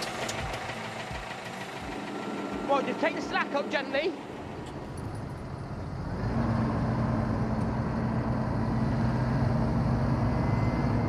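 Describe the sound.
Heavy engines rumble steadily throughout, with a man speaking briefly over the idle before the engine note deepens and grows louder, a close, continuous diesel drone with a low knocking throb.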